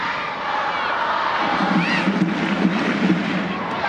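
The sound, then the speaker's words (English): A dense, steady roar of a large stadium crowd in Utah cheering and urging on their side during a match against Angel City, with brief swells of voices rising out of the continuous wash of noise. “Crowd in Utah urging on their side as Suarez rolls it back to the center circle for Sams.”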